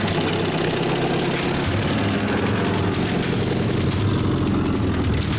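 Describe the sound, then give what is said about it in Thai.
The engine of an old jeep, in use for 30 years, idles without a break, its deep rumble holding constant with a faint rhythmic chug and no voices over it. “อรถจิ๊บใช้มา30ปีแล้วหาบลงมาใส่รถจิ๊บแล้วเอารถจิ๊บมาที่บ้าน”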